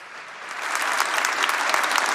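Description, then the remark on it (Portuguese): A crowd listening to a talk on Catholic worship applauds, the clapping starting moderately and swelling louder within the first second, then holding as a dense, steady patter of many hands. “Pode aplaudir quem está me ouvindo?”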